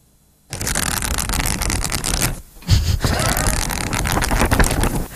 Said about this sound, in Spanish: Pasar hojas, entonces, ¿qué estás haciendo? Leyendo, leyendo. Muy bien, muy bien.